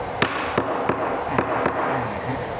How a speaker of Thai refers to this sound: ตอกเข้าไปเรื่อย ๆตอกอย่างนี้เข้าไปเดี๋ยวมันก็เข้าเอง